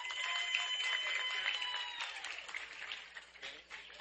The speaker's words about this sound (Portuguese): Teve gente que me disse que tem mais de 30 anos, né, nesse serviço generoso, bonito, que Deus abençoe vocês, e uma calorosa salva de palmas.